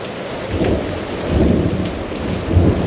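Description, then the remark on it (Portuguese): A heavy, sudden downpour in a windy thunderstorm hisses steadily while deep, low rumbles of thunder swell and fade in three slow waves beneath the rain, with no voices present. “Leva vento, é unha treboada. E con tronos e todo.”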